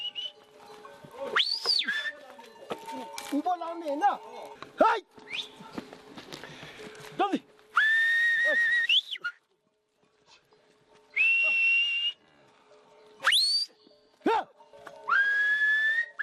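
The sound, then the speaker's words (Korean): A herder whistles to lead yaks and dzo on a quiet morning on a Himalayan plateau at 3,500 m altitude: a run of loud whistles, some sliding and some held steady in bursts, with faint hoof steps and animal movement between them, and no talking. “야크와 쩌우리를 이끄는 건 목동의 휘파람 소리입니다.”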